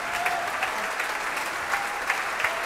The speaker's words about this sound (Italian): Le artiste ringraziano, tutta la sala è in piedi ad applaudire queste artiste. Le artiste salutano, si tengono sempre per mano.